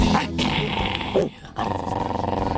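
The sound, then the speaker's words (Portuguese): A dog gives a weak, half-hearted growl, a low rumbling snarl that runs steadily, dips briefly about halfway, then resumes at the same level, fairly loud. “Não senti firmeza nesse cachorro, não, viu? É o famoso cachorro de madame.”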